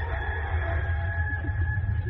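A recorded rooster crow blasted through speakers at very high volume over a garden fence around 4 o'clock in the morning in Germany, one long sustained call over a heavy low rumble, sounding blasted and slightly distorted, with no talking.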